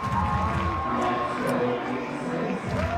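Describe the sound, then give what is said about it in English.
A large stadium crowd at a baseball game in the bottom of the 10th inning roars steadily, with clapping and chanting voices blending into a dense, constant wall of noise that stays loud throughout. “The claps and the chants have been going on all night long.”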